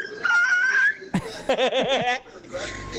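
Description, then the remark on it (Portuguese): A voice imitates a cross between a dog and a chicken: a high sustained squeal, then a sharp burst and a run of warbling, pulsing clucks, fairly loud, with laughter-like breaths around it. “Imagina o cruzamento disso. Nossa senhora. Do cachorro com a galinha.”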